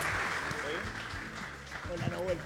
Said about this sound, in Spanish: Fuerte el aplauso para Nahuel Rojo, por favor.